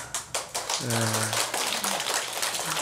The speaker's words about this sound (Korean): 또뭐 좀 말씀이 괜찮았는가? 박수를 다 치시네.